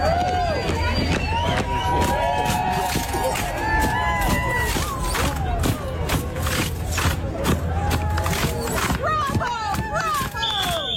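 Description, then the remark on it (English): Foldable lawn chairs, played by the marching band section of a 4th of July parade, snap open and shut in a steady, rhythmic beat of sharp clacks, played over a busy background of crowd noise and voices. “They open and close them, making a pretty good beat using the processional instruments.”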